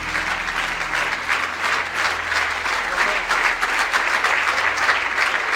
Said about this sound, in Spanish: Gracias. Dele un aplauso fuerte de alabanza al Señor.